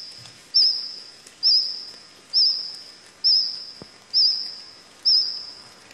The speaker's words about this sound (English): Sounds more like a cricket, probably singing close to the ground.